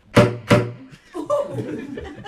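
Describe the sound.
Two loud, sharp saxophone slap-tongue pops in quick succession, played as a demonstration of the technique, each a percussive smack with a short low pitched tone behind it, followed by a voice talking.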